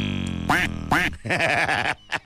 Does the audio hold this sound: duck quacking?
yes